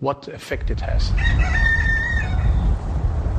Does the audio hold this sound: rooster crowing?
yes